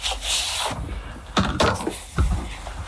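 Paper being handled, with soft continuous rustling broken by a few sharper, louder crinkles and crackles, irregular in rhythm, and no voices.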